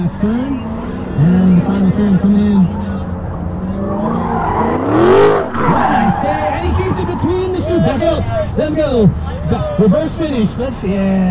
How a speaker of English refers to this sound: Yesterday, I watched several sports cars hit the track. A Mazda Miata, a yellow Corvette, and this black Dodge Challenger